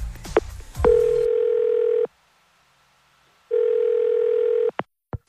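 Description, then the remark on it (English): A quick burst of telephone dialing clicks and beeps as a phone call is placed, then a steady electronic ringing tone sounds twice with a pause between rings, clear, with no one talking. “All right, let's give Karen a call.”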